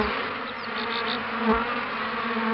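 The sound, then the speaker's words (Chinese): Steady, dense buzzing of traditionally kept Xinjiang black honeybees flying among the flowers of the Ili River Valley on the northern foothills of the Tianshan Mountains, a continuous droning hum with a few louder passes as individual bees fly by, no voices present. “这黑蜂的这个蜜采蜜的那个舌头啊，它可以伸得特别长，它可以像普通黄蜂采不到的地方它可以采到，所以说就是黑蜂可以采100种花蜜。”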